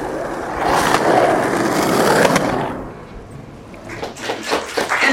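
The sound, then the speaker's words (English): Outdoor ambience at Venice Beach, Los Angeles, with a skateboard rolling across pavement, a steady gritty roar that swells for a few seconds, fades, then returns with a series of clacks and bumps. “Venice Beach.”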